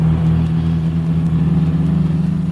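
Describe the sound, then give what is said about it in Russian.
A large American car speeds at furious pace along a bad road north of Port-au-Prince, raising dust. Its engine roars steadily and loudly, a deep droning rumble with a slight rhythmic throb, holding constant throughout with no voices. “По скверной дороге на бешеной скорости промчалась большая американская машина, обдав нас пылью.”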